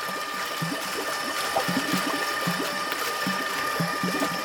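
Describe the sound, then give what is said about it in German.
A stainless steel agitator, a rugby-ball-sized body shaped like a flattened egg and hung between two forks, rotates rhythmically in a water tank about 1.5 m tall and 1 m wide, creating a light current. A steady motor hum and high whine carry regular low, rhythmic sloshing pulses, with no voices. “Die Ingenieure, die hier an ihm basteln, nennen ihn ein Rührwerk.”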